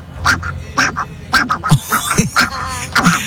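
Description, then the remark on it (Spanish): Radio listeners imitate Donald Duck's voice for a station contest, producing a run of raspy, nasal quacking bursts in quick, uneven rhythm, loud and choppy with brief gaps between the squawks. “Ayer era imitando el Pato Donald, y algunos de ustedes sonaron así.”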